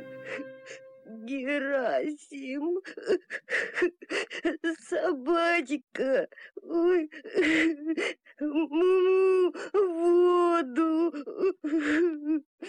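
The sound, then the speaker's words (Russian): A voice sobs and wails bitterly, words breaking into long, wavering, tearful cries with gasping breaths between them; fairly loud, an imitated, exaggerated crying of a calf. “Вернувшись домой, волк увидел, что теленок уткнулся носом в книгу и горько плачет.”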